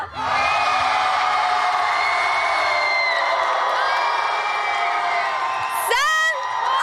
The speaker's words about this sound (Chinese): 接下来你们的掌声和呐喊声准备好了吗？让我们一起来为我们的赫兹街舞少年团呐喊吧。